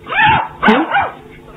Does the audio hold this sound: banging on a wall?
no